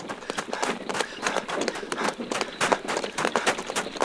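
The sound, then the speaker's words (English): Horses' hooves pound along at a quick, steady clatter as they pull a chariot driven by a soldier, the dense hoofbeats fairly loud throughout with no voices. “Captain, stop the horses.”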